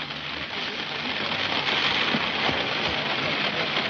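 rain falling outdoors

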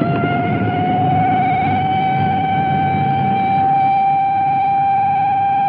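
police car siren wailing

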